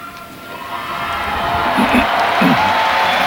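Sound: faithful applauding the pope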